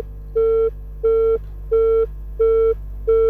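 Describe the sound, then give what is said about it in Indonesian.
A disconnected phone line tone as a telephone call drops: five steady, evenly spaced electronic beeps, each about a third of a second long, repeating over a low constant hum with no voices. “Terputus sambungan telepon bersama dengan beliau.”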